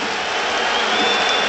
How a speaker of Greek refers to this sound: Χειροκροτεί ο κόσμος του Παναθηναϊκού ειρωνικά. Στη διείσδυση του Γκραντ θεωρούν ότι απόθυσε τον αντίπαλό του.